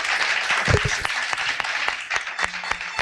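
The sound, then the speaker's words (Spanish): Steady applause from an audience asked to clap, dense overlapping claps with a few sharper individual claps standing out, moderately loud and continuous, with some voices and shouts mixed in. “Podéis aplaudir, para ver que la gente, que hay gente.”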